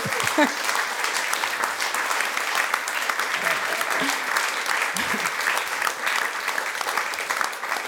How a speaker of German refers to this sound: Danke vielmals. Ein Applaus für dich.